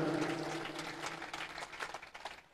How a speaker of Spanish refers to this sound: Aplausos para Dios, hermanos y hermanas.